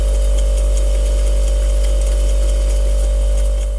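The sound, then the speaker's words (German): A steady, loud electrical hum recorded inside a refrigerator by a mobile phone placed in it: a deep low drone with a sustained midrange tone and faint hissy texture above, constant throughout with no voices. “Also ein Bekannter hat sein Handy einfach in den Kühlschrank reingelegt.”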